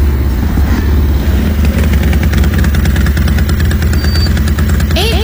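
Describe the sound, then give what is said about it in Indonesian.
Five motorcycle engines idle in a queue waiting to fill up with petrol, a steady, loud rumble with a low throbbing pulse, one engine briefly revving near the end, no voices. “Kan cuma ada 1, 2, 3, 4, 5 motor lagi.”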